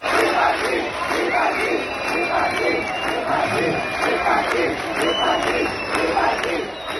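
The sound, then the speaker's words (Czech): A large crowd at a festival chants "vypadni" (get out) in a steady rhythmic cadence, with shrill whistles cutting through at moments, reacting to the presence of the politician Macinka. The noise stays loud and dense throughout, many voices shouting together in protest. “Lidé na jeho přítomnost reagovali pískotem a například skandovali vypadni.”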